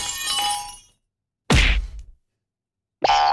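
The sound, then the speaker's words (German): A cartoonish glass-shattering effect with bright ringing tinkles, followed after a pause by a heavy thud and then another short tonal twang; three separate, loud effects with no talking. “zum Beispiel so Sachen wie Klirr, Knuff und Boing”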